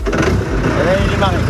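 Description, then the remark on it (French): A tractor engine cranks and rumbles to life, a loud, steady low growl lasting a second or two, with indistinct voices mixed into the noise. “Un jour, vous avez même conduit un tracteur.”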